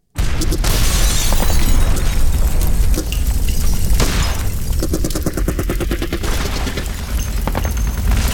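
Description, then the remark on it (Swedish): A dense, loud barrage of explosions and gunfire with a constant rumbling roar, broken midway by a rapid rattling burst of automatic fire, with no voices, depicting the attack that woke Trotsky and Sedova at 4 a.m. on 24 May 1940. “Den 24 maj 1940 vaknar Trotsky och Sedova av explosioner och gevärseld.”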